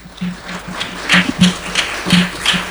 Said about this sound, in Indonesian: Oke, luar biasa. Boleh beri tepuk tangan yang meriah.